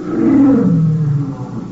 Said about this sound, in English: You hear it? I heard something. Like a lion. You get lions on the brain. Yeah, it'd be crazy. It sounded like it was outside in the garden.